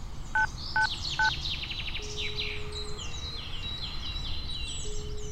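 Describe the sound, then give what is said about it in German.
Three short, evenly spaced mobile phone keypad beeps at the start, quick two-tone dialing presses as someone calls to report a medical emergency in Crofton Park. Birds chirp and twitter steadily in the background throughout, with no voices. “Gib mir das Handy. Beeil dich doch.”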